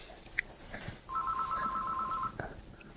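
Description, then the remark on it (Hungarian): A telephone rings once in a steady electronic trill lasting about a second, moderately loud, with faint background noise and no speech. “És itt a telefon.”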